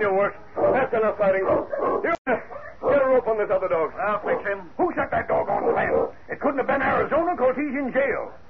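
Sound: dogs fighting and barking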